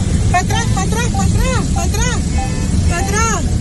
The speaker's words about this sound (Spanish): Están siendo atrapados por el alud. Suenan las bocinas de los vehículos.